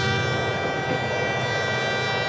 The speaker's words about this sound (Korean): 무거운 발걸음으로 터벅터벅 집으로 오는데 저 멀리서 기차 소리가 들려왔습니다.